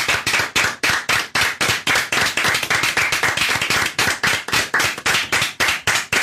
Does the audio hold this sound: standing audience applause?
yes